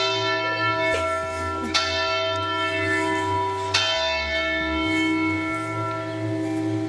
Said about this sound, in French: Et c'est l'heure des cloches en plein direct.